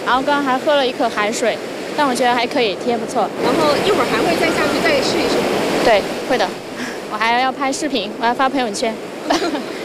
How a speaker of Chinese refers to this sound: 这里是万宁日月湾的海边，可以看到这个海边是充满着动感与活力的。